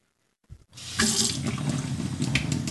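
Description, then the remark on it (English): After a soft clunk, tap water gushes steadily into a gallon jug in a home in a town in southeastern Ohio, a continuous splashing rush with a hollow, resonant undertone as the container fills. “Stacy Greer's dining room table is covered with gallon-sized jugs filled with tap water.”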